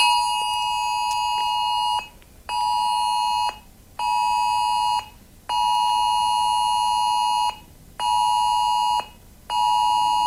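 A phone's emergency warning alert blares a loud, harsh electronic tone in steady repeated bursts, each about a second and a half long with brief gaps between them, during the Australian government's nationwide test of its new emergency warning system. No one speaks.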